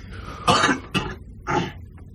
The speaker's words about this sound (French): Pourquoi tu tousses? Parce que moi, je suis malade. Parce que toi, tu quoi? Moi, je suis malade, mais je le dis. Je le cache pas. Mais moi, je ne cache pas que je suis malade. Je ne suis pas malade. Je toussote un petit peu. Je m'éclaircis la gorge.